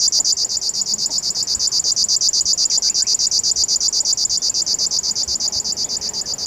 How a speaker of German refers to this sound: Und ab und an in seiner westlichen Verbreitungsgrenze hier der Schlagschwirr, der dann so ein bisschen so ein Nähmaschinengeräusch hat.